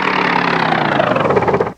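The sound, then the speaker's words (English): A small motor for a flying machine, tested before its propellers and shafts are attached, runs with a steady, loud buzzing whir, its tone holding even for almost two seconds before cutting off abruptly at the end. No voices are heard. “There she is, purring like a kitten.”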